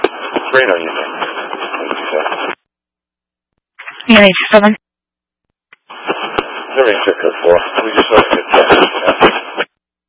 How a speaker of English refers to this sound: I'm sorry, your radio is very static. I don't understand what you're saying.